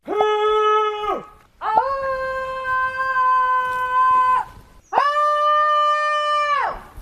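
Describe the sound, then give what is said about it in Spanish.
In a forest, a person lets out three long, loud screams, each holding a steady, strained pitch before sliding down at the end, separated by brief pauses with no other talking. “Así les grito a los niños.”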